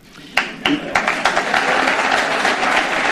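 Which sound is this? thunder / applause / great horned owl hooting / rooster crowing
applause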